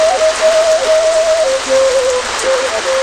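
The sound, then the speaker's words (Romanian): Steady rain falls throughout, a dense even hiss with no pauses, while a thin high tone drifts through a simple stepwise melody over it. “Prima a fugit frăsenica să-i spună maică-sii că plouă pentru că ea a îngropat cum se cuvine o păpușă în hândichi.”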